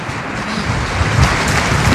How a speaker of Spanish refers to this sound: Vamos a darles un aplauso a nuestras artistas, por favor. Eso es, muchas gracias.